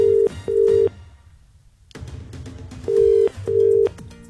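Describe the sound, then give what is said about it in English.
A telephone ringing tone repeats its double-beep cadence twice, two short steady electronic tones, then a pause of line noise before the same pair returns, fairly loud, with no one speaking, as a caller rings back someone whose phone had died. “and then his phone died, so I'm just going to call him back.”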